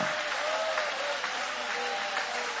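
An audience applauds the name of Jesus after a Bible reading, clapping steadily in a dense, even wash of applause with no single claps standing out, holding at a constant loudness throughout. A faint tonal hum threads underneath.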